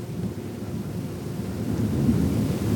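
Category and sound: nature, distant thunder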